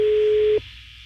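A single steady ringback tone over a phone line, a plain buzzing pitch that cuts off after about half a second, leaving faint line hiss behind.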